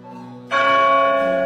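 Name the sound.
bell striking midnight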